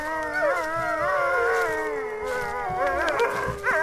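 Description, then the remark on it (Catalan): A pack of wolves howls together at night, several long wavering voices overlapping and rising and falling in pitch, loud, filling the whole stretch without pause. “Aviat va sentir una fressa entre les mates de boix i de ginebra i en un tres i no res va topar amb els llops.”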